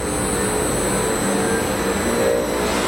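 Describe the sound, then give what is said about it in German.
A recycling plant's machinery starting up in a large pilot-plant hall in Braunschweig, a steady, dense mechanical roar with thin high-pitched whines layered on top, holding constant loudness throughout with no voices. “Kein Flugzeugtriebwerk, das warm läuft, sondern eine Recyclinganlage, die hochfährt, in einer großen Technikumshalle in Braunschweig.”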